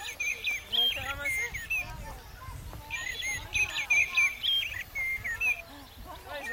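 A European greenfinch calling in repeated bursts of bright twittering chirps and short trills, clear, with brief pauses between phrases over a low background rumble.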